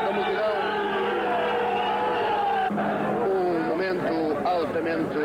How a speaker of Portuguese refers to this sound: Começam a movimentar-se as viaturas de guerra que aqui estiveram em frente ao quartel do Carmo.